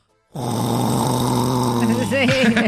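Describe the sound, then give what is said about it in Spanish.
A person loudly imitates snoring, one long drawn-out rumbling snore held for a couple of seconds, forceful, with a rough throaty vibration and no other sounds around it. “Pero unos ronquidazos que le digo”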